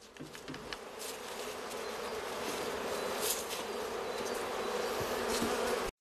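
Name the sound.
bees buzzing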